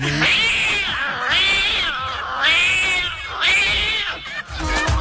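A cat yowls four times in quick succession, each meow long, drawn-out and wailing, loud with only brief gaps between cries and no one talking.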